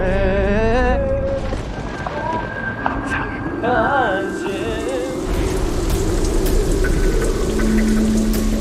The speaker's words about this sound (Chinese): 下雨了， 撤退，撤退，所有人撤退，撤！ 雨来了， 雨来了，雨来了，快跑！